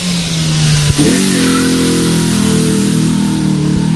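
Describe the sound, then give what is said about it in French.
A small Renault Twingo rally car, number 209, revs hard seconds before its rally start, holding a steady high idle, then jumps sharply to a higher, rising pitch after a brief blip, staying loud and continuous with no talking. “Mais il va faire péter le moteur de la Twingo, non?”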